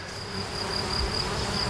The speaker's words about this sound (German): Das ist er schon. Sind das wilde Bienen oder wie? Das ist ein Bienenschwarm, der ist da unten aus dem Bienenhaus ausgezogen.